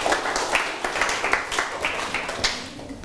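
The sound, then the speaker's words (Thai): A class of students claps for themselves in steady, dense applause, many hands at once, moderately loud, lasting a few seconds with no talking over it. “เก่งมากๆค่ะนักเรียนปรบมือให้ตัวเองหน่อยค่ะ”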